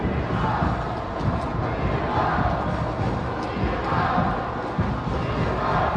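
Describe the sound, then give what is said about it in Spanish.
A large stadium crowd at a football match chants the Chivas cheer, "Chivas, Chivas", in unison, a loud, continuous roar of voices rising and falling in rhythmic swells for the whole stretch. “Este es el tercer grito de Chivas, Chivas. Y luego se apaga el grito.”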